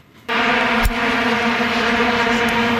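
A dense, continuous drone of many vuvuzela horns blaring at once, as heard in South Africa in 2010, starts abruptly and holds steady, a buzzing wall of sound with strong sustained tones, like a giant wasp swarm.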